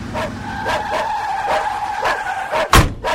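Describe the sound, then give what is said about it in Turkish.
A car skids to a stop in front of a wooden shed, its tires squealing in a steady whine with repeated scraping surges, ending in a sharp thud. No one speaks. “Arabayı kulübenin önüne çek”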